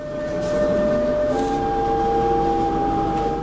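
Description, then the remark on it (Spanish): A subway train pulling into a station, its loud, steady rumble and an electric whine that shifts in pitch as it slows. No one speaks. “ahí arribamos a la estación del subte 70 Lapson”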